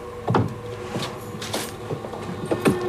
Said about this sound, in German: Da, der Schrank. Eine Tür steht offen. Sie schlüpft hinein und zieht die Tür zu.